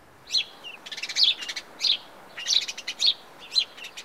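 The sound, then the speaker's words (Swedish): A house sparrow (Passer domesticus) chirps repeatedly, about seven short, bright bursts over four seconds in an irregular rhythm, clear against a quiet background with no talking. “Passer domesticus är det vetenskapliga namnet på den här fågeln.”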